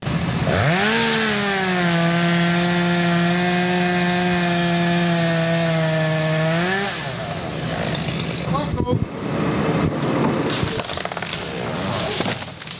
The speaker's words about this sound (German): Kettensägen wird man in den kommenden Monaten noch oft im Stadtwald von Hörkranzhausen hören.